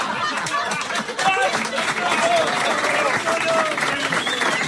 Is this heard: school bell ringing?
no